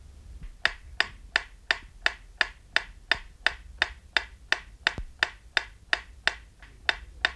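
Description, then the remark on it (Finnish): A metronome ticks steadily in a radio stereo test, meant to be heard only from the left loudspeaker; about nineteen sharp, bright clicks at an even, brisk pace of roughly two and a half per second, with no voices, only a faint low hum underneath. “Seuraavassa kuulette metronomin tikitystä, jonka pitäisi kuulua ainoastaan vasemmanpuoleisesta kaiuttimesta.”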